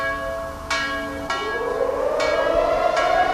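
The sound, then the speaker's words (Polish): A large bell, the Monter bell at the Warsaw Rising Museum in Warsaw, tolls four times at 17:00 on the anniversary of the uprising, at a slow, steady pace, each strike ringing on and overlapping the next, while an alarm siren wails and rises steadily underneath. No one speaks. “Tam w rocznicę wybuchu zrywu zabrzmiał dzwon Monter.”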